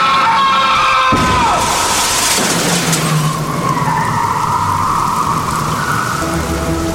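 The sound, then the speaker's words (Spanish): A speeding car's tires screech loudly as it skids before striking a man crossing the street, ending in a sudden heavy impact, followed by a steady hissing wash like rain on pavement. No voices are heard. “Nervioso por lo sucedido, cruzó rápidamente la calle, pero sin fijarse que venía un auto a toda velocidad, el cual lo impactó matándolo al instante.”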